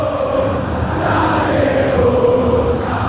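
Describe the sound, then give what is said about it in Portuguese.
A football stadium crowd of Boca Juniors supporters at La Bombonera, during a match against Vasco, roars steadily, a dense, unbroken wall of voices with a faint chanting tone running through it, loud and even for the whole moment. “a bola vai para a linha lateral, ouça a torcida vida do Boca Juniors.”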